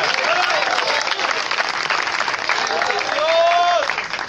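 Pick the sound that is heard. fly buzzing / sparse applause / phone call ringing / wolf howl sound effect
sparse applause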